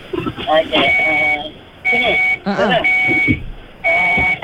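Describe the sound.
A car's seatbelt warning chimes repeatedly, a loud, steady high-pitched beep sounding about once a second in long pulses, with people talking underneath.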